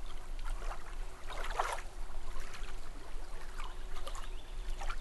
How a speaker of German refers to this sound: Also da fließt aber so ein Wasserstrahl.